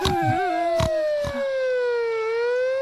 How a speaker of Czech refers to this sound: Po silnici, kde se před chvílí zajíc díval na osobní a nákladní auta, kličkovala s houkáním zvěrolékařská sanitka.